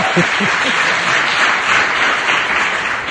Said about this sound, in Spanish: igual les pedimos un aplauso, que se oiga. Sí, bien. Que se vea que hay gente. Ahí, bien, bravo, eso bravo. Eso es.